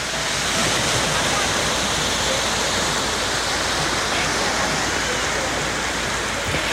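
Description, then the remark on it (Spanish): Sea waves wash steadily onto a beach shore at around 9:30 in the morning on Tuesday, 4 August, a continuous, fairly loud rushing surf with no distinct pauses between breakers, filling the whole recording. “Cap a les 9:30 del matí aproximadament, la mar sonava així.”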